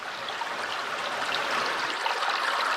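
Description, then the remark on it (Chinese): The unpolluted upper reaches of a creek flow steadily with a continuous bright rush and bubbling texture, fairly loud, swelling slightly toward the end. No voices. “看到小马达离开城区，抵达没有受到污染的小溪上游，我们终于安心了。”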